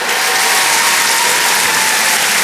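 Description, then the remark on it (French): A crowd applauds loudly and steadily, a dense wash of many hands clapping at once that holds for a couple of seconds with no voices. “Merci, merci, mais vous savez, ça devrait tellement être normal, faudrait même pas les applaudir, ces filles.”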